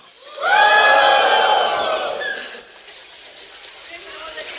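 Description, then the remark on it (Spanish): A large crowd of voices erupts in a loud, sustained collective shout lasting about two seconds, then fades into a lingering murmur of noise. “Y aconteció que cuando el pueblo hubo oído el sonido de la bocina, gritó con gran grite, a ver.”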